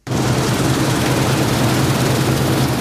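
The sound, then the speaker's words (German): A combine harvester harvesting barley and wheat in a field near Buggingen in the Markgräfler Land, Germany, its engine droning steadily, a loud, continuous low rumble with a dense mechanical roar over it, unchanging throughout and with no voices. “Schaut rüber zum Mähdrescher, der zu retten versucht, was teilweise nicht mehr zu retten ist.”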